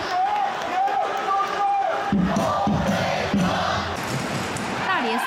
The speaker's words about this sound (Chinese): 最著名的北看台声浪从未停歇，他们的歌声掌声不止给主队，也送给了客队。